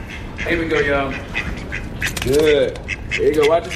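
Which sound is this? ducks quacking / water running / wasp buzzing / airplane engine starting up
ducks quacking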